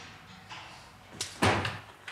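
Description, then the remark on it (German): A door is opened: a sharp latch click followed by a fuller clunk and brief rattle, then a faint knock as it settles, with no voices. “Die Tür bleibt offen.”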